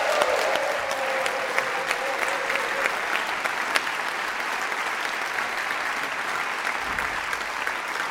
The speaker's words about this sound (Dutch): Een heel groot applaus!